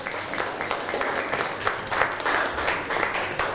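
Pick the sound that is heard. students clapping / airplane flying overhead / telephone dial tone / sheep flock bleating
students clapping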